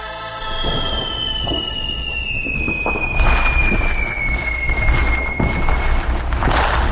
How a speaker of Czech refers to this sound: To je něco, co jsme zhruba 4 měsíce neslyšeli, protože poslední ohňostroje proběhly na vítání roku 2026, tedy Silvestrovská noc.